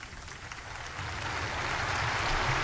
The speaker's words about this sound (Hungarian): Tapsal köszönik meg a jelenlévők a Szent Atya beszámolóját a francia apostoli útjáról.